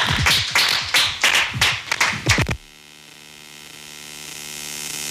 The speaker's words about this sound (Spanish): Muchísimas gracias y a ustedes también por acompañarnos y un aplauso para nuestros invitados e invitadas. Gracias.